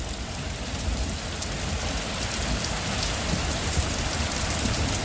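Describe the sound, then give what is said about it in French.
Heavy rain pours down in a steady, dense hiss, spread evenly across the whole span with no pauses, joined by faint patter of drops striking surfaces and no voices. “En avril 2024, l'Émirat a connu les pluies les plus intenses en 75 ans.”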